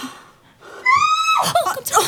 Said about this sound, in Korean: 이게 무슨 소리야? 비명 소리 같은데요?